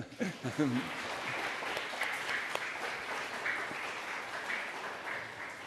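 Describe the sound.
Sustained applause from an audience fills the whole stretch, a dense steady wash of many hands clapping at fairly even loudness, with a brief voice audible near the start.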